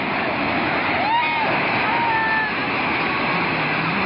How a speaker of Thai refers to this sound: แล้วพอมาอีกสักพักหนึ่งสังเกตอาคารด้านล่างตรงนี้นะครับตอนนี้คืออพยพมาแล้วอาคารใหญ่ด้านล่างเนี่ยก็อยู่สูงประมาณหนึ่งแต่น้ำสูงกว่าครับนะฮะก่อนที่น้ำจะพัดเข้าตัวอาคารมิดเลย